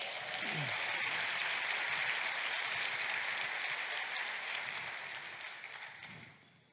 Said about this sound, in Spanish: Date un aplauso.